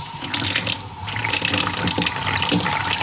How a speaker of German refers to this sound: Ich werde einfach das frische Wasser hier genießen im Garten oder unter der Dusche, wenn die Hitze weiter so bleibt. Und ich freue mich darüber, dass das Wasser wieder läuft.